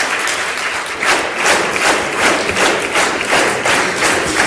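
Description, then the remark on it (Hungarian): An audience applauds the students at the 33rd Tompa Mihály verse and prose recitation competition: a steady, dense wash of many hands clapping with a loose, pulsing rhythm that swells slightly in waves. No one speaks over it. “A diákokat, a tanulókat pedig, hogy tapsoljuk meg őket, mert nagyon-nagyon megérdemlik.”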